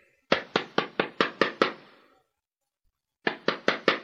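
A quick run of seven firm knocks on a door, a pause of over a second, then four more knocks at the same brisk pace, loud and close with no voices.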